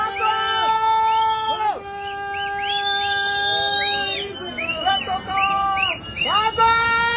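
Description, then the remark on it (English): Many people in a mountain town yell and holler at once as a flood comes through, their shouting serving as the town's warning system. Long sustained tonal cries swoop up and down in pitch, overlapping continuously and loudly for several seconds, with a few brief dips. “Just people yelling, wow. There's a flood.”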